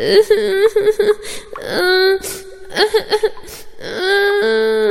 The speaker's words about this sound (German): Plötzlich hörte er ein Kind weinen.